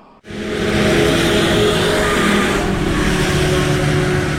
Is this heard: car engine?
yes